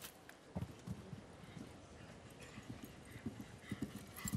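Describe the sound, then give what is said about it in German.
Steady clip-clop of the hooves of a ridden horse standing nearly 1.90 metres at the withers, striking the ground in an even rhythm, with a soft ambient hum in the background. “hat ein Stockmaß von fast ebenfalls 1,90 Meter. Also das heißt, vom Erdboden bis zum Widerrist, Übergang Pferdehalsrücken.”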